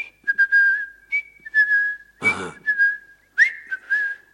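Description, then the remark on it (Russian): Someone whistles a short tune, a series of clear, bright phrases with small pitch slides, briefly interrupted midway by a single spoken interjection before the whistling resumes. “Идите прямо и насвистывайте вот эту мелодию.”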